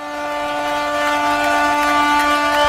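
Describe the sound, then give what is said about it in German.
Ship horns blare in a harbour at a yearly festival after the ring thrown into the water by the Bishop of Ravenna is found: several loud, sustained low tones overlapping into one steady, unbroken chord with no speech. “Da freut sich das Schiff und der ganze Hafen, wie Sie hören.”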